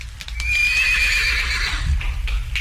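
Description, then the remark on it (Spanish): A horse neighs loudly, a shrill whinny sweeping downward over about a second and a half, with low rumbling and hoof clatter underneath and no talking. “¡Vaya, caballo!”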